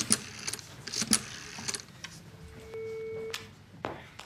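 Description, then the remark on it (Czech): A telephone number being dialed: a quick run of clicky button presses, then a steady electronic tone for about a second, ending with a couple of sharp clicks. Fairly quiet, no voices. “Já si teď vybírám ze své kartotéky ještě jedno číslo na Jiřinku a zkusím se s ní opět spojit.”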